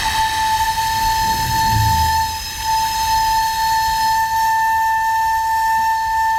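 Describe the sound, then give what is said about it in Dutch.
A 600-year-old recorder sounds one long, steady, high note, thin and whistle-like, wrapped in heavy breathy hiss, with a low rumble briefly underneath early on. “Hier zo klinkt een 600 jaar oude blokfluit.”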